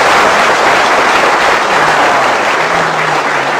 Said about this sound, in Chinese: 话说到这儿了，你要是再不唱，你是不是嫌大伙掌声不热烈呀？ 啊， 可以热烈鼓掌。